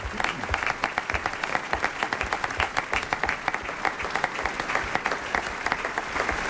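An audience claps steadily and continuously for several seconds for the guest actors of a morning radio adaptation of A. J. Raffles, a dense patter of many hands with no voices or cheering over it.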